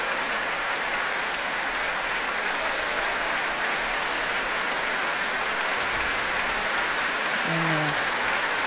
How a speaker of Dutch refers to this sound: Nu voor alle muzici van het Rotterdams Philharmonisch Orkest. Een groot applaus van Daniel Trifonov voor hen.